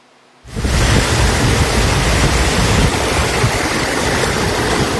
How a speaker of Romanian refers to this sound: E dezastru în localitățile care au fost lovite de ploi și grindină. Curți inundate, trafic rutier blocat de puhoaie pe mai multe drumuri din țară.